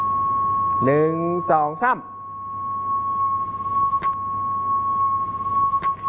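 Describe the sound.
A steady, high-pitched electronic tone hums without a break from a loudspeaker that is moved toward the listeners in a teacher's classroom demonstration, while a voice briefly counts aloud at the start and faint clicks appear later.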